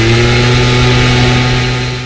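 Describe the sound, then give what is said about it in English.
A gas-powered leaf blower drones steadily, a loud sustained whine with strong low harmonic hum, running without pause before easing off slightly at the end. “A pedal harp crescendoing in Tchaikovsky's Waltz of the Flowers, and a gas-powered leaf blower.”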